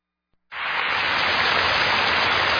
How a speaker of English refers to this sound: All these spring showers gonna bring us May flowers, right?